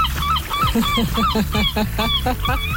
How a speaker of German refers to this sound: Oh, die Möwen schreien.